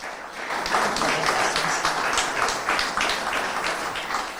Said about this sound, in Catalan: Benvinguda, un aplaudiment per l'alcaldessa.